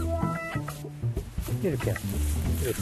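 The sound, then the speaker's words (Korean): Harsh calls of a crow cawing sound in a few short bursts near the middle. Voices talk over and around them, and the calls stay clear. “이렇게 소리. 아, 저, 숨고. 아, 까마귀 찾아보면”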